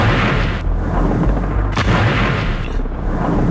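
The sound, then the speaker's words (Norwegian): Loud, continuous rumble of Israel bombing Beirut, with heavy explosions booming through it, including sharp blasts around the middle, a dense roar of air-raid detonations and no voices. “Dette er lyden av Israel som bomber Beirut.”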